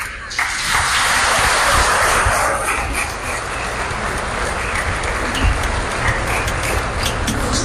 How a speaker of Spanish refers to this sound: Ah, mira, Dios lo bendiga, un aplauso.